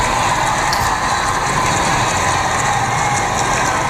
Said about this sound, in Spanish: El sonido del público vitoreando a León XIV, cuyo coche ya ha entrado en la Plaza de la Armería.